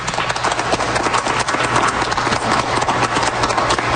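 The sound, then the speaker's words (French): A crowd applauds steadily at the Atrium of Radio-Canada in Toronto during an open house, many hands clapping at once in a dense, crackling wash of sound that stays fairly loud and even, with no voices standing out. “Vous entendez les applaudissements à l'Atrium de Radio-Canada de Toronto en ce moment.”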